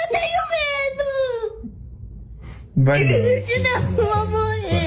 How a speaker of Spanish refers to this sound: papás le hacen una ecografía falsa a un nene porque le alumbran el estómago con la lámpara del teléfono y en la tele o en el teléfono tienen una ecografía donde hay un gusanote en la panza de algo, obviamente nada real, y el niño pega estos alaridos.